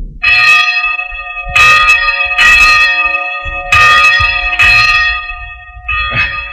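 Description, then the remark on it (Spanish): Church bells in a village ringing for the rosary late in the day during a storm, a series of loud, resonant metallic strikes with long ringing overtones, about six peals at an uneven pace, each overlapping the fading hum of the last. “Pero ya se hizo tarde y están tocando el rosario.”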